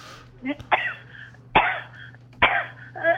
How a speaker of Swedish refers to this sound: Jävla hosta.